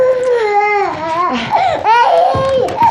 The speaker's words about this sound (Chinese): 哎呀，我可怜的孙子，姥姥抱还不行吗？宝贝儿啊，别哭了，别哭了啊！